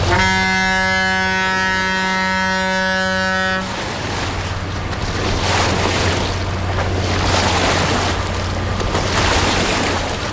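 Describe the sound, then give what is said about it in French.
A loud, sustained ship's horn blares for a few seconds, then gives way to a steady low engine drone beneath rushing, churning water and splashing waves as a large barge passes, making big waves. “Et il y a aussi des monstres beaucoup plus conséquents hein, qui passent et qui font des grosses vagues.”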